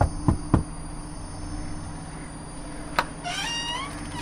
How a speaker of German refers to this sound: Hier muss es sein. Und was sollen wir hier abholen? Hat man mir nicht gesagt. Ich werde mal klopfen.